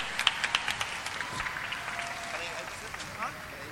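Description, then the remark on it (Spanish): Audience applause for the artistic company Totoral de Tomé, a dense patter of many hands clapping at moderate volume, sustained throughout, with a few sharper claps early on and faint voices mixed in. “Más fuerte el aplauso, muchachos.”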